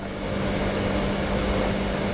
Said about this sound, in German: Also das sind mehrere, sagen wir mal, klassisch rauschende Kühlgeräte.